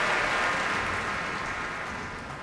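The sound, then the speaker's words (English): A crowd applauds an orchestra at the Kuzovitsky Music Shed as Keith Lockhart asks all its members to stand; steady dense clapping that stays loud throughout and eases off slightly toward the end, with no voices over it. “Also a violin solo by concertmaster Alexander Velenzone, as Keith Lockhart asks all the members of the … to stand and receive the applause here at the Kuzovitsky Music Shed.”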